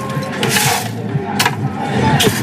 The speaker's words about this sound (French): On rajoute des glaçons.